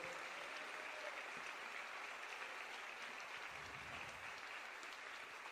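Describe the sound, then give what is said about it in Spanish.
A church audience claps steadily in praise to God for several seconds, a dense, even wash of many hands with a bright, crackling texture and no voices rising above it. “Dale fuerte ese aplauso al Señor, gloria a nuestro Dios.”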